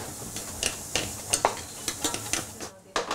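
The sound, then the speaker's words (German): Bacon being fried in a pan for a vinaigrette, with shallots added, sizzles steadily while a utensil scrapes and stirs, making a series of sharp, irregular clicks and scrapes over the constant crackling fry. No one speaks. “Jetzt für die Vinaigrette Speck anbraten, Schalotten dazugeben”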